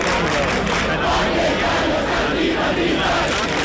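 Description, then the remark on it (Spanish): A crowd of about a thousand housing protesters, camped in the Puerta del Sol for a third night, chants and shouts together in the early morning, a dense, steady roar of many voices that stays loud throughout with rising and falling cries. “Sonido que nos llega esta madrugada desde la Puerta del Sol, donde cerca de un millar de personas, según el sindicato de inquilinas, permanecen acampadas por tercera noche consecutiva.”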